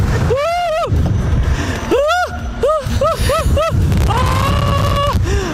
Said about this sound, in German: Scheint windig zu sein auf dem Hypnotizer. Also es ist wirklich eine Schaukel, die komplett von links nach rechts geht.